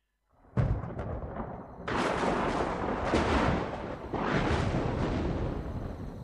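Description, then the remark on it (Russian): A night thunderstorm rumbles beyond a forest and a farm in long, loud rolling waves. A first crack gives way to several deep, heavy swells that surge and fade without a break, with no voices. “К ночи расплясалась гроза. То где-то за лесом притопнет, то за фермой.”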